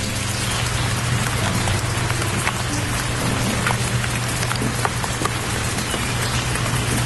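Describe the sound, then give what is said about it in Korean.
Steady rain patters on a hard surface on an evening in Tokyo in April 1883, at the time of a gathering in a small chapel, a dense continuous hiss of drops with scattered sharper taps, fairly loud, with no voices. “빗소리가 가득 울리는 저녁이었다.”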